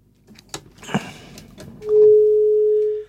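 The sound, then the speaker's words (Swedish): A few scattered clicks and knocks, then a telephone line tone sets in: one steady, loud, mid-pitched hum that holds unchanged for just over a second before cutting off. “Där var telefonlinjen igen, ja.”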